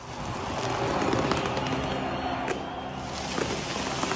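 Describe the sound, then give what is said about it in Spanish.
A dense, continuous wash of crackling bangs and pops as fireworks go off over a stadium in Buenos Aires, with a roaring crowd-like background, sustained at steady loudness with occasional sharper bursts. “Suenan fuegos artificiales.”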